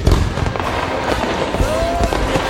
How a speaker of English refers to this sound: Are you ready for big booms and bright bursts? Get the best deals on rockets, candles, mortars, and more.